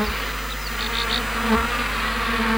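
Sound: black honeybees buzzing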